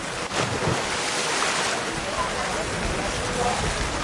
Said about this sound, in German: Ein paar hundert Meter weiter strömt derweil das Wasser in das Becken, in dem die Siedler sich abkühlen.